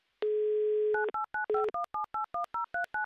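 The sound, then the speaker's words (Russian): A telephone number being dialed for a call to Chelyabinsk, Russia: a brief steady dial tone, then a quick, even run of about ten touch-tone keypad beeps, clear with no voices. “а я тем временем просто наберу номер телефона”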